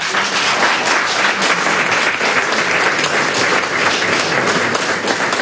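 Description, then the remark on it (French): Sustained applause from a crowd, a dense, steady patter of many hands clapping at once, loud, continuing without a break, after Pope Leo XIV's speech at the Maison Paquita in the 18th arrondissement of Paris. “Le pape Léon XIV applaudit après son discours à la maison Paquita dans le 18e arrondissement de Paris.”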